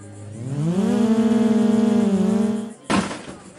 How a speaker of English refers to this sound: What you're hearing are sounds from a drone race in the middle of a cornfield.